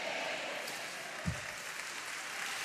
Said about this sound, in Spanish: Dele palmas al Señor.